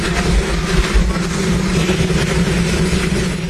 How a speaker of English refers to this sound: It's like sort of, it's like when you choose to sleep with like rain noise, but like hot helicopter noise. Yeah, you know, I mean, I've covered a lot of Donald Trump's helipad press conferences, gaggles, and it is loud there.